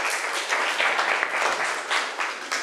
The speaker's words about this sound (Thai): นักเรียนค่ะขอบคุณกลุ่มที่3มากๆเลยปรบมือให้เพื่อนอีกหนึ่งครั้งค่ะ